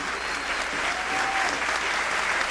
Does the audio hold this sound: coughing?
no